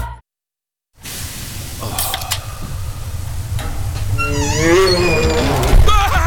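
After a brief silence, a deep, rumbling bear growl builds up loud, rising into drawn-out, strained snarling cries before trailing off in a low grumble.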